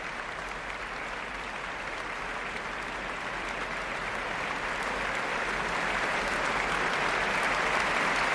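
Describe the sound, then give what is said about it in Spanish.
Sustained applause from a concert audience for Valerie Steinkamp, concertmaster of the Orquesta Nacional de España, as she returns to take a bow; a dense wash of many hands clapping that swells slightly louder over the final seconds, with no voices standing out. “Más aplausos para la concertino de la Orquesta Nacional de España, Valerie Steinkamp, que sale de nuevo a saludarla.”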